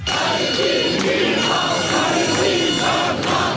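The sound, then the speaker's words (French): Nearly 200 pro-Palestinian activists carrying flags and keffiyehs chant in favour of Palestine, disrupting an artist's concert performance in Grenoble. They chant loudly and steadily, voices rising and falling in a repeated rhythmic pattern with shouts mixed in, dense and continuous throughout. “Munis de drapeaux et de keffiyeh, près de 200 militants pro-palestiniens ont perturbé la prestation de l'artiste”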